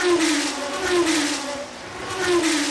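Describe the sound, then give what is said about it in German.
A racing car engine snarls loudly, its pitch rising and falling in repeated revving surges over a few seconds, with a steady mechanical roar throughout and no voices. “Kleine Frage, schlägt Ihr Herz auch höher bei schnellen Autos?”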